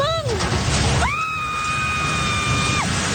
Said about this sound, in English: That scream of horror as a building housing a fast food outlet and three radio stations collapsed in the